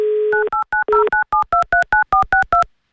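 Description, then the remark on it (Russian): A telephone number being dialed live on air by the Avtoradio radio station to call a listener from Kurgan Oblast: a steady dial tone, then a quick run of about eleven crisp, evenly spaced touch-tone beeps, loud, with no voices. “Набрали ее номер телефона 94-62, префикс 909.”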